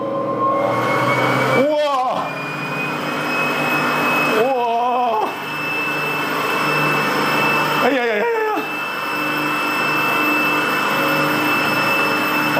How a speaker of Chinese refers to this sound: 那现在就相当于在测量我在平档状态下的这个各个方面的指标跟状态。哇，就感觉这是马达在蓄积力量啊，听这个声音。